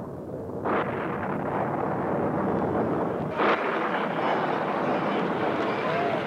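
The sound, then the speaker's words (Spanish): Thunder rumbles steadily and loudly throughout, with two sharper cracks breaking through, one early and one midway, over a dense, continuous roar. “Después se vio el resplandor del relámpago y se escuchó el retumbar del trueno.”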